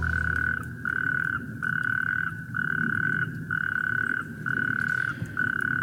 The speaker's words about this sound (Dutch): Nee, het blijken rugstreeppadden in de wadi, in de buurt, die door de regenval van de afgelopen dagen flink gevuld is